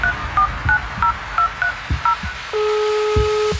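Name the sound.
telephone keypad dialing tones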